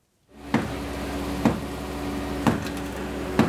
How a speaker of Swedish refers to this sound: En man bankar med en hammare för att försöka göra hål i betongen på det raserade huset i La Guaira utanför Caracas.